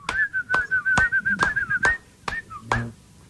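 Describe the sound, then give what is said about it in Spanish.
A person whistles a steady, warbling tune while also clapping, with sharp hand claps landing at a regular beat about one every half second, and no talking. “Silbando y aplaudiendo,”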